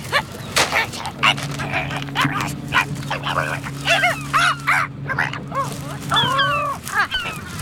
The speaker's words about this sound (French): Le goéland argenté essaye d'éventrer un sac poubelle, mais il a quelques difficultés.